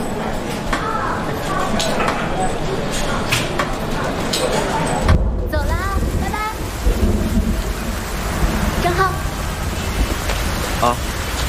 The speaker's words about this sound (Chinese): 先等等吧，这突然下雨了。